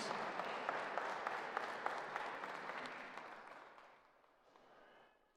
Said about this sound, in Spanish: Damos un fuerte aplauso a nuestro santo mártir por sus virtudes heroicas.